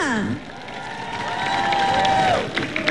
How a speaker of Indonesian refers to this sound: sebenarnya persembahan yang sangat-sangat memukau hati pada malam ini. Berikan tepukan kemeriahan untuk semua persembahan artis kita.